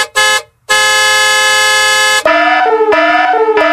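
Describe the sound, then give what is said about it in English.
An email alert chime made of loud, brassy horn-like tones: two quick blasts, a long sustained honk, then a bouncy stepping melody of bright tones. No voices. “Oh, that's the email alert already.”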